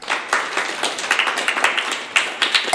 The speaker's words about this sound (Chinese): 没错，回答正确。来，把掌声送给他。